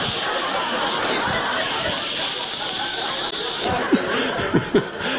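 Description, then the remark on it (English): A stuck deodorant aerosol can that would not shut off sprays in one long, steady, loud hiss that runs the whole time, as it is sprayed onto the armpits of shirts, with a few short chuckles or voice sounds breaking in near the end. “I'm pulling shirts off the floor, just spraying the armpits.”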